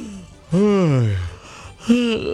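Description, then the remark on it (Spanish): A person fakes a long, drawn-out yawn, the voice rising then sagging low, followed by a shorter voiced sound. Fairly loud, with no other sounds around it. “Termo, hermano, pero bostezando.”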